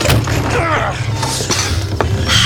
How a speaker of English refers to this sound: Open the door.